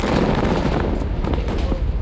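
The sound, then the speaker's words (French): A massive explosion at Ali Taher in southern Lebanon, set off by the Israeli army with 1,100 tonnes of explosives, roars for a couple of seconds, a loud, dense blast of rumbling noise with crackling bursts layered through it, deafening throughout. “D'abord un immense flash de lumière, une longue ligne de flammes qui s'élève et un bruit assourdissant.”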